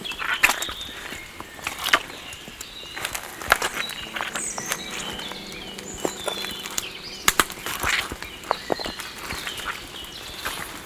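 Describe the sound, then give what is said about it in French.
Footsteps crunch over twigs, branches and dry debris in a forest in an uneven rhythm, with sharp crackling snaps standing out against a steady rustle; no one speaks. “Croustille.”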